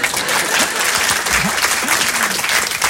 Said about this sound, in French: Et lorsque c'est un bon public, il applaudit.